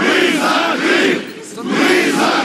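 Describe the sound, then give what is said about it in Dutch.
A crowd of several hundred Russian-speaking residents of Crimea protests in front of the regional parliament in 2014, chanting and shouting in loud, sustained waves, with a brief dip in volume midway before the roar swells again. “Enkele honderden Russisch sprekende inwoners van de Krim protesteren voor het regionale parlement.”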